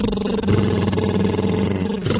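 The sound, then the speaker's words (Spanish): A voiced lip trill done as a vocal warm-up, lips buzzing steadily like a toy car motor, with a rapid fluttering texture and a low sustained pitch for about two seconds before a brief drop and restart. “Junto mis labios y es como si hicieran unas burbujas cuando estábamos pequeños y jugábamos al carro.”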